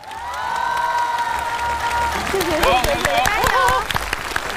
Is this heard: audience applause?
yes